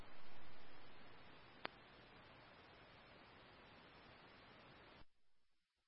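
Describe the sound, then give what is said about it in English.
A steady burst of harsh radio static from an unreadable transmission to command hisses for about five seconds. It is loudest at the start, with a sharp click partway through, before it cuts off abruptly into near silence. “Whoever transmitted to command, I was unable to copy that. It was unreadable.”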